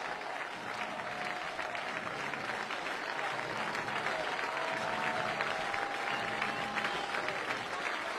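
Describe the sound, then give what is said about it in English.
A large stadium crowd at a college baseball game between USC and Troy rises and applauds steadily, a dense wash of clapping and cheering that holds at a loud, even level throughout with no talking. “The crowd will rise up again.”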